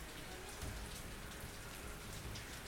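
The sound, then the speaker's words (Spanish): Heavy rain pours down steadily on a flooded neighbourhood, a dense continuous hiss of drops striking a surface, fairly loud with no break throughout. “Llueve, lloviendo, se largó intensamente.”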